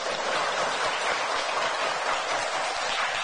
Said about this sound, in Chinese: 两位老师好，掌声欢迎。